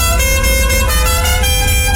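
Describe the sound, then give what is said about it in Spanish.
Loud, sustained car horns blare together over a low engine rumble, a dense, continuous honking like a jammed street with several vehicles leaning on their horns at once. “estás en el tráfico?”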